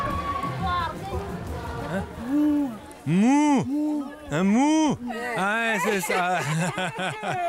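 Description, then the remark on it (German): A person imitates a cow's moo several times in a row, long swooping vocal calls rising and falling in pitch, loud, with chatter and chuckling around them, to show that the meat at a church feast is beef. “Ja, okay, das hat jetzt jeder verstanden. Das ist Fleisch von der von der Kuh.”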